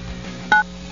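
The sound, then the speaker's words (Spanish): A single short beep from a telephone keypad as the number 945 is dialed, a crisp two-tone press that stands out clearly over a low, steady background hum. “marca en tu teléfono 945.”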